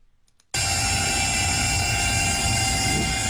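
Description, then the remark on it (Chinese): After a brief moment of quiet, a drone's motors roar to life abruptly and hold a loud, steady, high-pitched buzzing whine with no voices present, as it takes off at the Zhongzhou Road bridge over the Shaling River in Zhoukou, China, on the morning of August 20 to inspect flood-soaked embankments. “8月20号上午，沙岭河周口城区中州路桥头无人机轰鸣升空，来自中国水利水电科学研究院水利部减灾中心的专家们正在给多日浸泡在高水位中的堤防做体检。”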